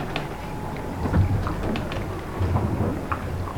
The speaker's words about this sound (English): One is a hydrophone provided by a project called Disco Live, located in the Arctic. We're hearing whales calling to each other and the sounds underneath the surface of the ocean.